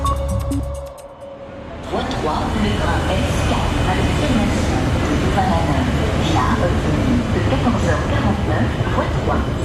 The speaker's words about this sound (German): Also, wir sind tatsächlich am Bahnhof Luxemburg